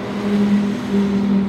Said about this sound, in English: A half hour east of Harper, a semi-truck stacked with hay bales rumbles through the town of Vail.